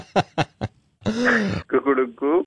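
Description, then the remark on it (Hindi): A rooster crow sound effect from Radio Mirchi's Mirchi Murga prank segment: three short clipped bursts, then a long wavering crow that rises and falls in pitch and breaks into a few final warbling pulses. It is fairly loud, with no talking over it. “आपके साथ मजाक किया है, आपका मुर्गा बन गया है सर, आप बुरा मत मानिए।”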